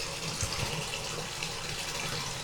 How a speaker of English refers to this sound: And speaking of frozen, this water's cooling down, so we gotta turn the hot water back on. Get some more hot water in this bathtub. There we go.